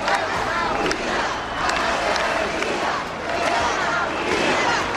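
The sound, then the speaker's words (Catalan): A large rally crowd in Palma, Majorca, of 8,000 people per the National Police and 9,000 per the local police, shouts in favour of Spain and chants against President Pedro Sánchez in a dense, continuous roar, with surges of voices rising and falling in rhythmic waves throughout. “Els crits en favor d'Espanya, les banderes i els càntics contra el president Pedro Sánchez protagonitzaren la cita.”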